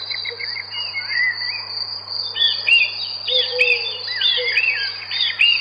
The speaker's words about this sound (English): Well, looks like summer's here at last. Birds singing in the garden and Dad trying to light the barbecue.